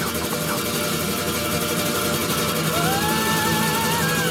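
Engines drone steadily under a dense wash of noise, and partway through one revs up with a rising whine that climbs and holds. Fairly loud and continuous, with no voices.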